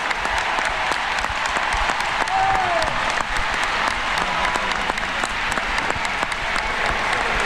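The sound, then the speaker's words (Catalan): A large stadium crowd at Ullevaal Stadium gives an ovation to a departing football player, applauding steadily, a dense wash of clapping and cheering that holds at a constant level throughout, with a brief whistle rising over the roar. “Mira, ara escoltem ovació cap a Alexia Putellas.”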